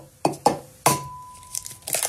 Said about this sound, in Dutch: het openbreken van mijn ei natuurlijk